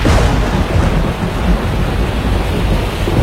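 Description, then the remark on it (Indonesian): A loud, continuous thunderstorm: deep rolling thunder rumbles under a dense, steady hiss of heavy rain, with no voices present. “menghasilkan awan hujan tebal dan petir.”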